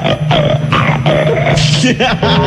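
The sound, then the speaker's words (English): A person on WNBC radio imitates a pig, oinking like Canadian bacon, letting out a quick run of loud, nasal oinking grunts, about five bursts in a row with no other talking. “Let me hear you oink like a Canadian bacon.”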